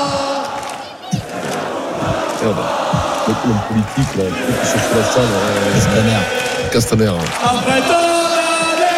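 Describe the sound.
A large crowd of Paris football supporters celebrating their club as European champions chants loudly together in rhythmic bursts, club president Nasser Al Khelaifi rallying them as the lead voice as the massed shouting swells and repeats with a dense, echoing roar.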